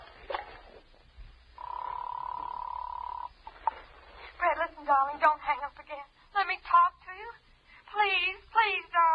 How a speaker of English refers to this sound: So, again, just for the fun of it, and without looking at the phone, I dialed 7 times.